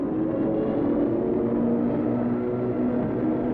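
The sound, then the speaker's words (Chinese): A steady, loud engine drone from an airplane billowing thick smoke in a film scene fills the whole stretch, a dense low rumble with a faint tonal hum running through it. “飞机在冒着浓烟，可三个飞行员都还完整无缺。”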